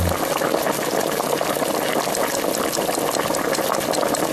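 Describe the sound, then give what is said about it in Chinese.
Water pours steadily into a pot of oxtail stew holding fried oxtail bones, onion, carrot, celery and tomato sauce: a continuous bubbling rush that keeps an even loudness for several seconds with no voices over it. “就要放水，等大火烧开之后，我们要用小火煮至两个小时左右。”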